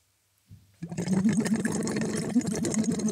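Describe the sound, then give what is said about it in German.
Steady bubbling as air is blown through a tube held in the mouth into water during a voice exercise, a busy gurgling churn that starts abruptly and continues without pause, with no talking. “Und blubbern da rein.”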